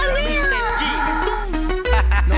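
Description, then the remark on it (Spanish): A female cat meows in a long, wavering, drawn-out cry that rises and falls, loud, followed by a couple of shorter bursts near the end. “Ahí está la gata. La gata fiera.”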